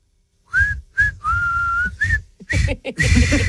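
A person whistles the melody of a well-known song for a guessing game, a series of clear, bright notes with short pauses between phrases, some held longer than others, with faint background noise underneath.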